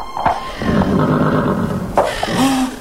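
One of two grazing horses without saddles or bridles, among rocky mountains, neighs loudly, with a second shrill whinny about two seconds later, both over a steady rumbling background.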